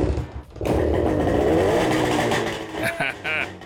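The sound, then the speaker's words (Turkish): After a brief quiet moment, a small engine, with freshly changed spark plugs, cleaned points and the choke on, sputters to life and keeps running with a loud, steady buzzing rumble that wavers slightly toward the end. “Kesinlikle ateşledi.”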